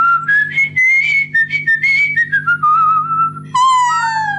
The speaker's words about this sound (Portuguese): Grande ideia, professor! Assim assobiando, nem preciso de andar a carregar o instrumento de um lado para o outro.